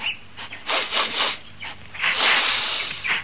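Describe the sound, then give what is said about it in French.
The dog Rocky sniffs at an unfamiliar smell near Amos Slade's house in a quick series of short, breathy snuffling bursts, with brief pauses between puffs and a longer, rougher inhalation near the end. No one speaks. “Rocky, dis-moi, qu'est-ce que tu renifles là?”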